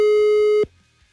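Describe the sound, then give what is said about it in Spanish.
A single loud burst of a telephone busy signal heard while dialing, a steady buzzy mid-pitched tone lasting just over half a second before cutting off sharply into near silence. No one speaks. “¡Estoy marcando!”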